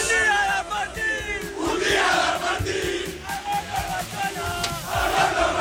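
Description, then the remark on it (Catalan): A dense street crowd of FC Barcelona fans roars and chants, celebrating the league title at Plaça Catalunya, Barcelona, many voices shouting and singing together continuously, with sharp cheers and whistles rising above the steady loud din. “… també s'ha sumat a la festa improvisada a Plaça Catalunya, que aquesta temporada ha substituït la mítica Font de Canaletes, que actualment està en obres.”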